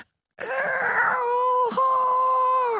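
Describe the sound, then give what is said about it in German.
A voice imitates the very quiet roar of a tiny lake monster, no bigger than a frog: a thin, sustained, moaning growl lasting over two seconds, steady in pitch, with one brief catch in the middle before it carries on. “Wenn es brüllt, tut es das sehr leise. Ungefähr so.”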